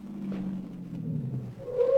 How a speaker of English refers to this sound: Car stop in front.